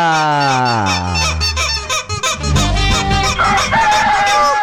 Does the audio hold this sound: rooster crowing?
yes